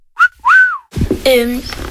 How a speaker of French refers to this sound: Moi, je l'appelle Capi. Je prends un sifflet et je fais, il vient pas, mais je dis Capi. Je prends un sifflet et je siffle.